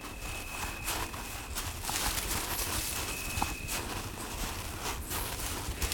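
Steady footsteps crunch and rustle along a worn footpath through bushes, with twigs and leaves brushing past, while a faint high tone and birds sit in the background.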